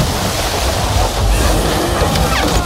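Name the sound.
stormy sea waves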